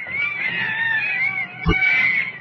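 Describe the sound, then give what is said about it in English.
Monkeys chatter and screech in a continuous, shrill, wavering stream, loud, with a brief low thump partway through. “Oh, listen to those monkeys chatter.”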